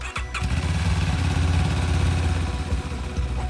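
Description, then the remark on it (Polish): The engine of a new motorcycle ambulance of the Voivodeship Medical Rescue Station in Łódź, Poland, used to transport blood and plasma, starts with a brief burst, then settles into a steady, loud idle with a low throbbing rumble that runs throughout. No one speaks. “Nowy motoambulans w Wojewódzkiej Stacji Ratownictwa Medycznego w Łodzi.”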